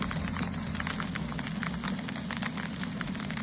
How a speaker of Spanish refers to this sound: Lo que escuchan es el sonido del granizo del tamaño de pelotas de golf que ayer por la tarde cayó en Casas Bajas.